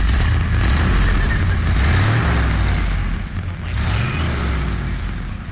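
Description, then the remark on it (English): A classic car's engine idles loudly with a rough, throaty rumble, rising in pitch as it revs up a couple of times before settling back, no voices over it. “surprise me with what the car looks like now that it's running”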